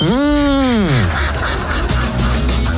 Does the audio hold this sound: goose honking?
yes